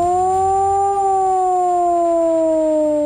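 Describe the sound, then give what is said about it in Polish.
A loud civil defense siren wails steadily, its tone slowly rising and then sinking in a smooth, wavering glide, sustained without a break and with no voices. It is the three-minute modulated civil protection alarm signal for residents. “Dźwięk dla ochrony ludności to 3-minutowy modulowany, czyli falujący sygnał syreny.”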